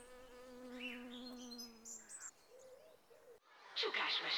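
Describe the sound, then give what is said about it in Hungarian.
Bees and other tiny insects drone in a low, steady buzz in a sunny, flower-filled garden for a couple of seconds, with faint bird chirps above, before a brighter burst of chirping and rustling outdoor noise takes over. “lepkék és katicák röpködtek a színpompás virágok között, méhek gyűjtögettek szorgosan, és boldogan zsongott a kert az aprócska rovaroktól.”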